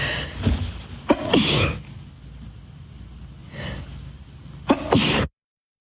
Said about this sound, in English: Excuse me, why do sneezes come in twos and threes?